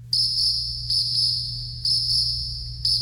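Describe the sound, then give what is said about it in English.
Steady, high-pitched cricket chirping played as a sound effect, trilling continuously, pulsing slightly about once a second, with a low hum underneath and no voices. “We didn't even hit the crickets today, so that was terrible. So I'm going to hit the crickets.”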